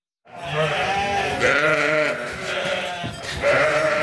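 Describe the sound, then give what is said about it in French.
Several sheep bleat loudly and continuously, overlapping calls rising and falling with no one speaking. “On parle de nos moutons et surtout de leur laine ce matin, de la laine qui souvent n'est pas utilisée pour nos vêtements et termine à la poubelle car pas assez parfaite et surtout rentable.”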